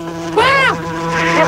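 Flies buzz with a steady droning hum, one rising and falling in pitch as it passes, over a constant low background tone.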